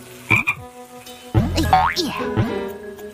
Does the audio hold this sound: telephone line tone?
no